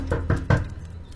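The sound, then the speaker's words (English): Three firm knocks on a wooden door in quick, evenly spaced succession, clear, with no voices, followed by a brief quiet tail. “Well, first go see who's at the door.”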